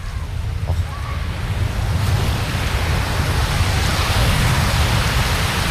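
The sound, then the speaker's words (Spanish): A steady, broad roar of surf rolling onto a beach, swelling slightly partway through, with no distinct individual crashes and no voices over it. “Os voy a dejar con, ¿vale?, ese sonido maravilloso para que disfrutéis. Venga, va, por favor, sí. Os quiero, desde te la playa también”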